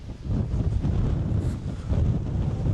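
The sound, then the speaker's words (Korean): Strong wind at a campground in Hofsós buffets the microphone in a steady, low roaring rumble that swells and dips unevenly for the whole stretch, with no voices. “어우, 바람이 엄청 세네.”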